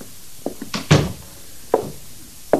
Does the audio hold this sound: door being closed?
yes